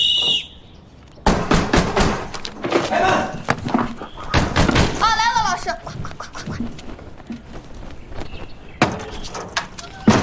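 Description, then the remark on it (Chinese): Loud, repeated thuds of someone banging on a closed door that has stayed unopened for a long time, coming in uneven bursts, with raised voices calling out over and between the knocks for those inside to get up for training. “半天都不开门。”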